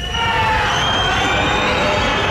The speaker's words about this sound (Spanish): Los gritos y abucheos contra la presidenta del Gobierno de Navarra, que han participado en el desfile de la Guardia Civil este mediodía en Pamplona,